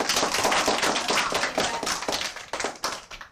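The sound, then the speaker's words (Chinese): A group of children applauds, a dense patter of many hands clapping steadily for a few seconds, fairly loud and without voices, then thinning slightly toward the end. “还有，你们掌声。”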